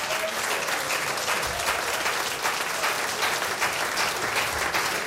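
A concert crowd applauds steadily for about five seconds, a dense, even wash of many hands clapping at a fairly loud level, with no voices standing out.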